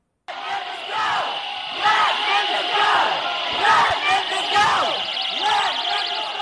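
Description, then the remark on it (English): A large protest crowd at the state Senate chants the slogan "Let Memphis go" in unison, loud and rhythmic, repeating the phrase every second or so with many overlapping voices, protesting a bill that splits a district including Memphis into three pieces. “If you couldn't hear what they were saying, they're shouting, "Let Memphis go."”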